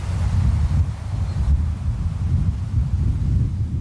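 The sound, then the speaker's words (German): Steady wind rushes through grasses in an open landscape in the province of Skåne, southern Sweden, over a low, continuous roar of sea surf, with rumbling gusts buffeting the microphone; no voices, just a constant, fairly loud outdoor wash. “Dann lässt sich die friedliche Stille in dieser schönen offenen Landschaft besonders gut genießen, wenn nur das Meer rauscht und der Wind durch die Gräser streicht.”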